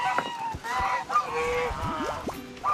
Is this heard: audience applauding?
no